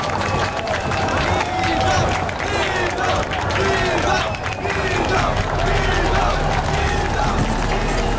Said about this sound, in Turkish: Atlı tramvayda bizden başka herkesi coşturmuştu. Elbette etrafımızdaki isyancılarla birlikte biz de alkışlıyorduk.